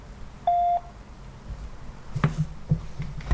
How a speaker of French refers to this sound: Messagerie Orange, bonjour. La personne que vous essayez de joindre n'est pas disponible. Veuillez laisser votre message après le bip.